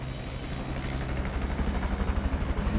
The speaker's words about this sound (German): So, jetzt ist er da. Der Heli. Hörbar zumindest. Der Heli, seht ihr ihn? Ja, er fliegt gerade hier direkt auf uns zu, über die Wälder.